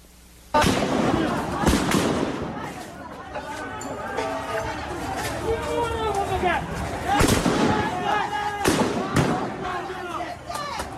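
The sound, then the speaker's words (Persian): Several sharp gunshots from security forces firing at protesters in the city of Rasht crack out at irregular intervals, loud, over a crowd of agitated voices shouting and calling out throughout. “تصاویر رسیده به کارزار کشف حقیقت از کشتار اجدادی در شهر رشت هم شلیک ماموران سرکوب به معترضان رو نشون میده”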